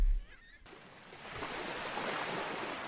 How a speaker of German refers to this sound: Die rauschenden Wellen, die rauschenden Wellen des Meeres. Richtig, jetzt hast du deine rauschenden Wellen.